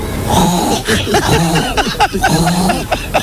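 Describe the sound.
A woman's voice on Basque regional television (ETB) imitates animals, including a pig, a hen and a frog, in a rapid string of loud, short grunting and clucking calls, with brief gaps between the bursts and no ordinary talking.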